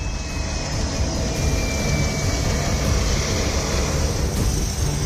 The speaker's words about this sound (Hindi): नेपाल में आपदाग्रस्त इलाकों की हालत कैसी है, इसको ऐसे समझिए कि नुआकोट एयरबेस पर एक हेलीकॉप्टर ठीक से लैंड भी नहीं कर पाता कि दूसरा टेक ऑफ कर जाता है।